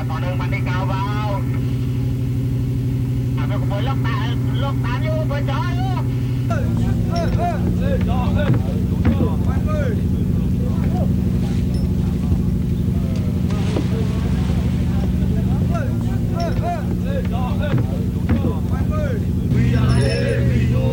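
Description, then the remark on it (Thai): The engine of the fishing boat Kiat Charoen Chai 25, out net fishing at night in the Andaman Sea, drones steadily and low throughout, a constant mechanical hum, with people's voices talking over it at times. “เรือเกียรติเจริญชัย25ออกจับปลาในหน้าน้ำอันดามัน”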